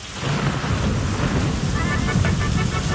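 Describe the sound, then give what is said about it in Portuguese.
Heavy rain pours steadily with wind while deep thunder rumbles low underneath, a loud, continuous storm on a rodeo Friday, with no voices and no breaks throughout. “Sexta-feira, rodeio, quaresma, chuvarada, ventania, mas tudo pode acontecer.”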